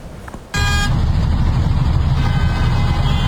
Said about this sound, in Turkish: Plakasını kapattı, kuralları hiçe saydı. Trafik güvenliğini ve çevredeki insanların canını tehlikeye attı. Ankara Kuzey Çevre Yolu'nda bir sürücü aracının plakasını kapatarak drift attı.